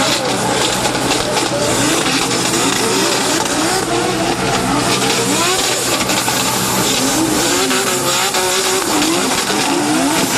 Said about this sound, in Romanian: Vizitatorii au putut urmări și demonstrații de drift. Printre piloții care au făcut spectacol pe pistă s-au numărat și campioni în vârstă de doar 13 ani.